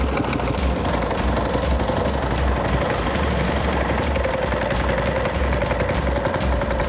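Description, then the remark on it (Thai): A boat engine idles steadily on a river with very high water as the boat heads out to set fishing trotlines: a low continuous rumble with a faint rhythmic chug, fairly loud throughout, with no voices. “พาเราออกเรือไปวางเบ็ดราวนะครับ”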